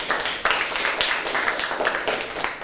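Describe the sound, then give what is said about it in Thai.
A group of students claps together for their classmates after a lesson demonstrating how to clean a microwave oven, a dense, steady burst of applause lasting a few seconds without any talking over it. “ขอปรบมือให้เพื่อนๆหน่อยครับ”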